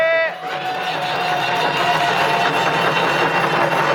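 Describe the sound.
A crowd applauds steadily, a dense patter of many hands clapping that starts right after a brief voiced tone and holds at an even, fairly loud level to the end.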